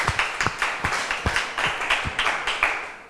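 A group of students in a class clapping together for a student representative after a presentation on protecting oneself online, a steady patter of overlapping hand claps with a few sharper accents, sustained for a few seconds with no one speaking.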